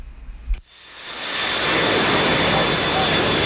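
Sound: airplane engine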